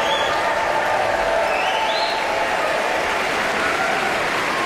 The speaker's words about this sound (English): He's been called back. The applause will no doubt continue. And with that performance of Beethoven's Ninth Symphony, we are coming to the end of this Aspen Festival Orchestra concert and the end of the Aspen Music Festival's summer season.